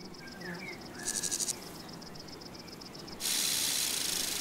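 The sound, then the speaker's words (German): A conehead bush-cricket stridulates in a farmed meadow with a rapid, even, sewing-machine-like ticking, high-pitched and steady, with a louder burst of pulses midway and then a continuous buzzing hiss at the end. No one speaks. “Dieses Nähmaschinengeräusch stammt von einer Schwertschrecke, während der Warzenbeißer eher Pianissimo spielt.”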